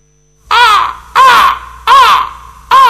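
Birds screeching loudly: four harsh, raspy calls repeat at a steady rhythm, each a short grating burst with brief gaps between, and no voices present.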